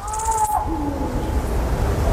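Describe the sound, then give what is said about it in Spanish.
Iberian lynx mating-season meows in the wild: a couple of drawn-out, wavering cat-like cries, moderately faint against a steady outdoor background hiss, with no one talking. “yo creo que vamos a escuchar un sonido que es el sonido para mí más importante que se puede escuchar en la naturaleza en Europa, que es el maullido de celo del lince ibérico.”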